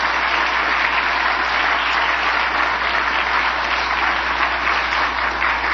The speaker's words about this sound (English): This is the Pence family has really found this Richard Nixon Presidential Library and Foundation to be such a special place. Would you join me in giving the whole team here a round of applause for the extraordinary work that they do?